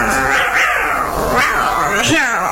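puppy barking and yipping

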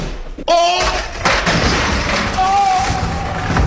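door slamming shut

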